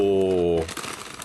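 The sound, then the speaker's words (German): A short hum of a voice gives way to the dry, irregular crinkling of a bag of sweet cinnamon churros snack, a busy crackle of small rustles that continues on its own to the end. “es knistert ein bisschen, entschuldigt.”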